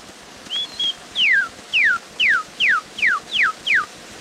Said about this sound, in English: Kentucky Cardinal or Redbird.